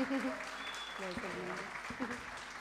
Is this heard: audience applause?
yes